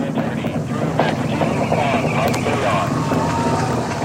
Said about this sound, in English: Now about 1 minute in flight, the SLS rocket traveling faster than the speed of sound. Engines about to throttle back as it approaches max Q, the point of greatest aerodynamic pressure on the vehicle.